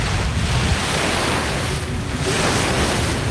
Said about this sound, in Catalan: pots posar el so de la, del mar? Fem sí, tabassa, a veure. Tanquem els ulls, això és el mar.